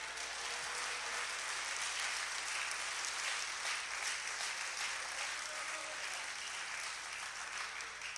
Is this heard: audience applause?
yes